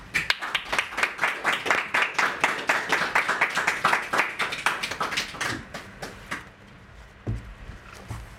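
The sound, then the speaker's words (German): An audience claps in a steady, rapid burst of many sharp hand claps for about six seconds, applauding a guest being welcomed, then the applause thins out and fades to scattered claps and quiet. “Einen Applaus für”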